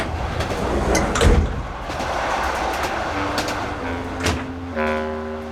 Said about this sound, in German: Die Tür zum Abteil wurde aufgeschoben.